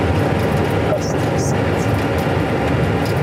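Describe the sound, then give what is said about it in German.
An airplane on a flight to Larnaca on the island of Cyprus taking off, heard as a loud, steady engine roar that fills the whole clip with an even, continuous rumble and no breaks. “Der Flug nach Larnaca hebt ab.”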